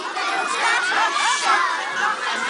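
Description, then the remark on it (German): Thousands of children carrying lanterns sing the chant of the Bachfischet, a medieval custom in Aarau, many high voices blending into a steady, loud wall of sound with overlapping melodic lines and no pauses. “Und das hört man dann aus Tausenden von Kinderkehlen mit diesen schönen Lampio.”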